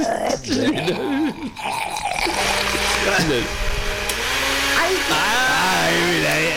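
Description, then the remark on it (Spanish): A large industrial blender set to speed one roars steadily, grinding wood chips with a harsh, churning whine that shifts in pitch. Voices talk over the noise at the start before the machine drowns them out. “Sí, la licuadora grande, industrial.”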